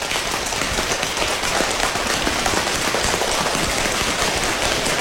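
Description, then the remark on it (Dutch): Dense, rapid patting of hands on legs, tapping ever faster to imitate rain getting heavier, a steady crackling patter, loud and even throughout with no talking. “Het gaat harder regenen, dus we gaan steeds sneller op onze benen staan.”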